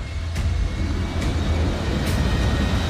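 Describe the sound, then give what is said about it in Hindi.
Roaring, rushing floodwater after a cloudburst in Bhaderwah, surging through streets and lanes past houses, makes a loud, unbroken wall of noise with a deep rumbling undertone. A few brief sharp splashes stand out over about three seconds, and no voices are heard. “पानी का शोर इतना भयानक है कि उसे सुनकर ही दिल दहल जाए।”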